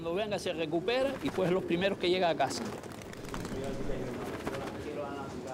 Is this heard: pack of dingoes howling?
no